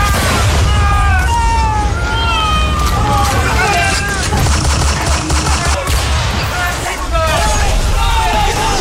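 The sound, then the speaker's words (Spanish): Heavy naval cannon fire from the Huáscar, commanded by Admiral Miguel Grau, bombarding the Esmeralda, with explosions amid a dense, continuous din of battle and many voices shouting and crying out underneath, loud and chaotic throughout. “Los cañonazos del Huáscar perforaban la madera y causaban estragos entre los marinos chilenos.”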